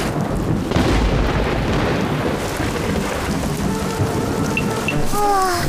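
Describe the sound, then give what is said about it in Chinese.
Heavy, steady rain pours down in a thunderstorm, with a deep rumble of thunder rolling beneath the constant downpour. The storm is loud, with no voices. “这样能避开闪电吗？ 闪电从高处落下来，不应该靠近树，要蹲着。”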